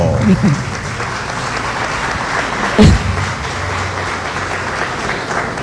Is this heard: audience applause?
yes